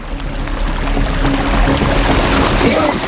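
Floodwater pours and rushes into a forest in a steady, loud wash of churning water, continuous, with no voices over it.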